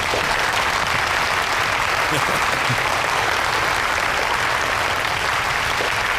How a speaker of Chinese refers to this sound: 请名誉董事长罗福涵先生讲话，大家掌声有请。